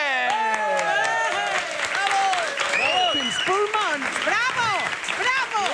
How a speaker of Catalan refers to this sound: Gràcies, gràcies. Gràcies pels seus aplaudiments. Gràcies a tots.